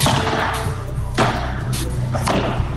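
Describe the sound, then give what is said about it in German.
Padel balls striking rackets and walls in a sharp, irregular series of hard thwacks, about three clear hits with softer knocks between, over a steady low hum and background murmur. This is a padel world record attempt in a sports hall in Remscheid, where four men from Wuppertal play for about two days nonstop. “4 Männer aus Wuppertal wollen da quasi 2 Tage lang am Stück Paddel spielen.”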